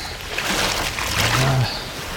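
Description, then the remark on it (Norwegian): Rushing brown water of the Glomma river (Vesterelva) with a soft splash as a toe dips in. A steady wash of noise lasts throughout, with a brief low hum rising near the middle. “La oss stikke tåen nede i Glomma her nå.”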